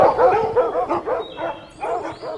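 Several hunting dogs bark and bay eagerly in a rapid, overlapping chorus, fairly loud, with short yelping cries running together as the pack presses along a trail with noses low to the ground, following a hare's scent.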